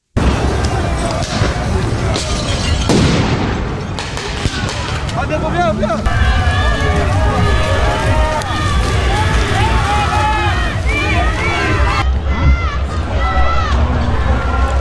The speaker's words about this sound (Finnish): Tänään alkavaa G7-kokousta vastustaneet mielenosoitukset yltyivät nujakoinniksi Genevessä Sveitsissä eilen. Mielenosoittajien ja poliisin välillä nähtiin useampia yhteenottoja.